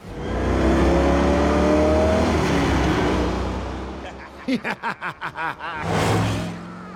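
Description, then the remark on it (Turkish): A car engine runs steadily and loudly as the car is taken for a short drive, droning for several seconds before a few short bursts of voice break in near the end. “O halde arabayla biraz gezmem sorun olmaz değil mi?”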